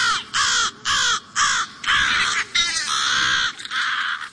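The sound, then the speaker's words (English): Crows caw loudly and harshly in a rapid series of about eight calls with short gaps, with no talking. “protect their young, adult crows dive bomb people, cats, and other birds or animals.”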